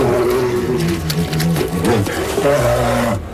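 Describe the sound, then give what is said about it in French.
Two polar bears fighting roar and growl at each other in a loud, continuous exchange of deep, rumbling vocalizations that rise and fall in pitch, with no talking. “une conversation entre un couple d'ours polaires qui veulent essayer d'ouvrir leur couple”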